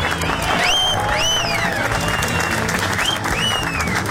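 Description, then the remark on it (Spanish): A crowd applauds the national team steadily for about four seconds, a dense, loud wash of clapping, with several rising and falling whistles cutting through above it. “Un aplauso a la selección, oigan.”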